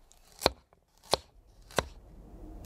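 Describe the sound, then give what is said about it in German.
Vegetables being chopped on a board for a salad: three sharp, crisp knife strikes at a steady, unhurried pace, with a fourth just beginning as it ends. Quiet between strikes, with no talking. “Cool, ich schnippel uns einen schönen Salat.”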